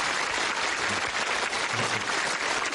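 A crowd claps steadily for a few seconds, a dense, even wash of applause from many hands with no voices standing out.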